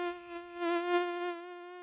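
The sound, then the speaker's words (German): An adult mosquito whines in flight, a thin steady high-pitched buzz that swells and fades slightly as it hovers, with no voices present. “Aber ganz egal, wo sich die Jungen wiederfinden, nach nur ein paar Wochen im Nass sind sie bereit, es hinter sich zu lassen und als erwachsene Tiere durch die Luft zu summen.”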